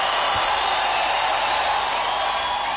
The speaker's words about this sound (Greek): Έτσι, θα σας χειροκροτήσουμε όλους.